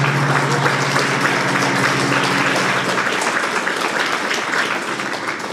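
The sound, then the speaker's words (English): Sustained applause from an audience at a talk, a dense wash of many hands clapping steadily, holding at an even loudness and easing slightly toward the end, with no voices standing out. “You're clapping from happiness, or you're clapping because why am I again stuck here?”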